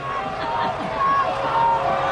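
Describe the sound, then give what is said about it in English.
A large baseball stadium crowd at a Sea Dogs game jeers and shouts at home plate umpire David Stavall after a called third strike, in a steady, continuous roar, with scattered sustained yells rising above the mass of voices throughout. “The crowd's going to let David Stavall hear it too.”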